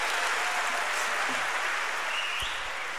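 A large audience in Vredenburg applauds steadily after a poetry performance by Carmien Michels at the Nacht van de Poëzie 2017, a dense wash of clapping that stays loud and even throughout, with no voices standing out.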